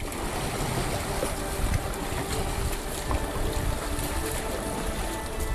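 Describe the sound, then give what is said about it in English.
A dragon boat with 14 people aboard eases away from the dock, with steady sloshing water and splashing around the hull under a continuous wash of wind noise, fairly loud, with no one speaking. “14 people on the boat, pushing away from the dock.”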